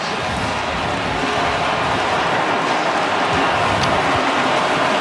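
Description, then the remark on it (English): A huge crowd at the Coliseum roars and cheers after a USC Trojans touchdown by Jakeem Stewart against Washington, a dense, steady wall of noise that stays loud for the whole stretch with no clear voices standing out. “Listen to this Coliseum crowd.”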